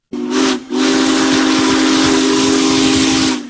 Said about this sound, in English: One of the largest steam locomotives ever built rolls through Nebraska, drawing crowds of rail fans, farmers, and families trackside to see Union Pacific Big Boy 4014.